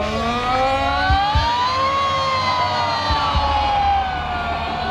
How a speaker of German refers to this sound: Es wäre lässig, wenn ihr jetzt bei dieser Sirene, bei diesem Alarm alle mitsingen oder mitschreien.